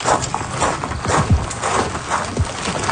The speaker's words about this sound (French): Vous entendez des roches tomber.